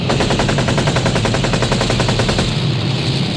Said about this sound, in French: Continuant leur progression, les chars de tête modèle Tigre s'approchent des positions françaises sur lesquelles ils ouvrent le feu.